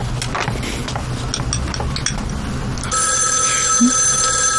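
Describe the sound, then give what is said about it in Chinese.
Dishes and cutlery clink softly for a few seconds, then a telephone bell starts ringing loudly and continuously, a bright metallic trill that carries through to the end. “王妈，电话。”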